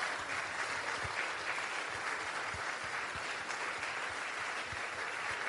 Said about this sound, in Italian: Vorrei che ci alzassimo tutti in piedi per ricordare un nostro grande amico che è ancora qui con noi, Luca Palmegiani. Voglio un grandissimo applauso per Luca.